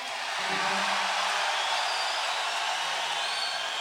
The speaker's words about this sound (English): Looks like an airplane's coming right at me right now.